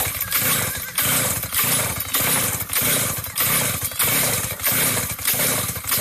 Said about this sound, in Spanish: échele gasolina a esa motosierra para que prenda